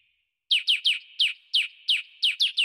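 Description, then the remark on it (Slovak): A small bird chirps loudly, about ten quick bright notes in a steady, slightly uneven rhythm over a faint continuous high tone, with no voices. “A to vtáčika, ktorý keď sa spojí spolu so všetkými, a teda aj s Hrochom a aj s Kozou,”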